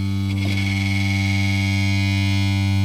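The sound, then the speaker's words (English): A deep, sustained bass note, the lowest note being played, with a metallic buzzing rattle riding on top of it from a metal dish vibrating a desk and a can of nuts and bolts on a table. Steady and fairly loud for about three seconds after a brief attack. No one speaks. “when I play the lowest note, there's actually a buzzing coming from a different part of the room over here.”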